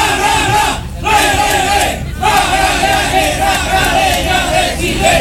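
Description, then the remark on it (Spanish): A loud stadium crowd of Magallanes supporters in the stands shouts a team chant in unison as the team is about to come out onto the pitch, a dense, sustained roar of many voices with rhythmic swells and two brief dips in volume. “A escuchar, ahí están, el grito.”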